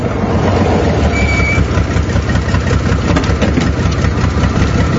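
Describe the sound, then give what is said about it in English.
The engine of the Mirthmobile car from Wayne's World idles with a steady, low rumbling drone that holds at an even loudness throughout, with no voices over it. “Ah, the Mirthmobile.”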